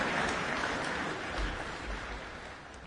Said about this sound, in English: The applause going on. Certainly was a very popular performance, that one.